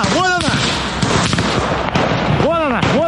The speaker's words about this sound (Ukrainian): добре пам'ятає момент російського удару по рідному Краматорську. Того ранку, 8 жовтня, вона їхала на прийом до лікаря. Авіабомба влучила в зупинку просто перед автобусом,